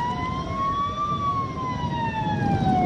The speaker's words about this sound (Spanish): Están parados al borde del avión, de la escalera. Los que están en la pista hacen sonar las sirenas. La gente aplaude.